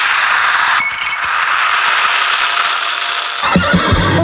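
A horse neighs loudly, a long shrill whinny that wavers and fades, followed by a brief snort at the end.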